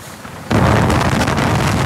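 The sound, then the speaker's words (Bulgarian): Strong wind on the Sub-Balkan road near Maglizh and Tvarditsa, Bulgaria, where it overturned heavy trucks, buffets the microphone, kicking in abruptly after a brief quiet moment and continuing as a loud, rumbling, roaring rush with no voices present. “Духаше силен вятър, на едно място му заклати и тук вече му обърна.”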